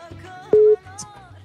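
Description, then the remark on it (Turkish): A single short, steady telephone ringing tone sounds loudly for a moment over a low, humming background, with no one speaking. “Çalıyor mu telefon?”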